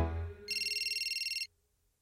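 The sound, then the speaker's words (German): A phone vibrates with a fast, rattling buzz that pulses steadily for about a second, fairly loud, following a brief low rumble, then stops abruptly into quiet. “vibriert.”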